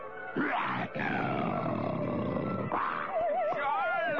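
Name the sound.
lion roaring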